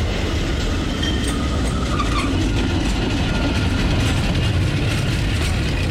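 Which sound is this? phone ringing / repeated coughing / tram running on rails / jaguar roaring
tram running on rails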